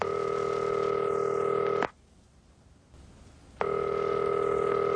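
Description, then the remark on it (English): A phone line rings out with two long, steady buzzing rings separated by a quiet pause, the ringback heard by a caller phoning their mother, who does not answer. No one speaks. “When I did call, Mama didn't answer.”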